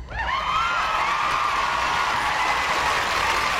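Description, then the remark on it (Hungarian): A crowd bursts into sustained applause mixed with cheering and whoops for the members of a theatre company, a dense, steady wall of clapping and voices that stays loud for the whole few seconds. “Egy kis taps és üdvrivalgás.”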